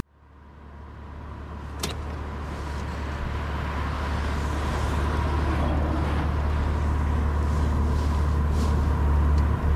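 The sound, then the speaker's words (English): Steady street traffic of cars and buses rumbles, vehicles droning past in a continuous wash of engine noise that swells in over the first seconds, with one sharp click early on and no voices. “Look at all this traffic.”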